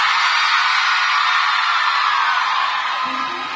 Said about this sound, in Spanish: ¡Que siga el grito de las mujeres!